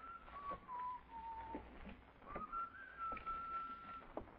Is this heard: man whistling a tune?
yes